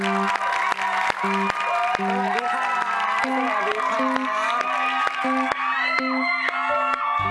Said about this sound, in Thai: ขอเสียงปรบมือต้อนรับคุณปันปันนาคประเสริฐ